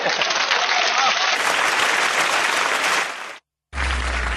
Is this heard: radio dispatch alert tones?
no